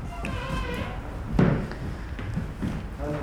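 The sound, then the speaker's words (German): A single heavy thud of a door shutting as a person slips in behind a parcel delivery man and heads along a hallway to the stairwell, with a low boomy impact, amid background chatter. “Sie schlüpft dem Paketboten hinterher durch die Tür und geht den Flur entlang zum Treppenhaus.”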